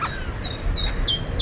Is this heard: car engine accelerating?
no